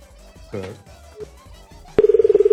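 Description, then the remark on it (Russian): Soft, indistinct voices give way to a sharp click, then a loud, steady electronic phone tone that pulses rapidly, like keypad dialing tones through a handset, as a phone number in Voronezh is dialed. “извини, что я неправильно набрал”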